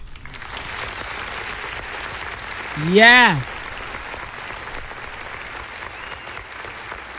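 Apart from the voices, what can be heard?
round of applause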